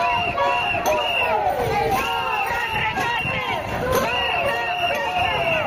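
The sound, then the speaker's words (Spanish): A street protest crowd in A Coruña, where public-education groups march against leaks, structural problems in schools and staff shortages: many voices shout and call out at once, overlapping in a dense, steady roar that stays loud throughout, with rising and falling cries cutting through. “Es el sonido de las últimas horas por las calles de A Coruña.”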